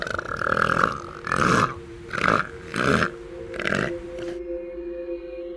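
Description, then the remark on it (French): A series of five deep, rumbling belches from elephant seals on beaches of subantarctic islands, coming in a steady rhythmic sequence with brief pauses between, loud, then fading into quiet background. “Bon alors, ça c'était des rots d'éléphants de mer.”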